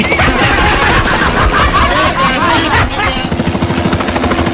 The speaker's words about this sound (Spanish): Ahí está, mira el helicóptero que tenemos nosotros.